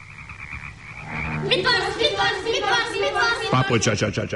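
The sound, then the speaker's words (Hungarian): A chorus of young frogs croaks steadily by the water in dense, overlapping calls, with a burst of loud, rhythmic croaks near the end; fairly loud throughout. “Körülötte játszanak a békaporontyok, fejest ugrálnak a vízbe, és egyre kuruttyolnak.”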